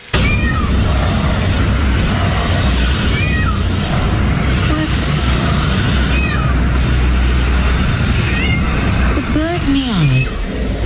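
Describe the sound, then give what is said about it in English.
A drongo repeatedly gives short, mewing calls that sound just like a cat's meow, spaced a few seconds apart over a steady, loud rumble of background noise. “Said that bird meows.”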